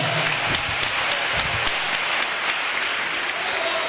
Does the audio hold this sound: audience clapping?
yes